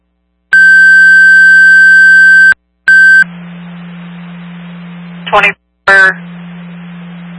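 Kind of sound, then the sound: signal or alarm, dispatch radio alert tones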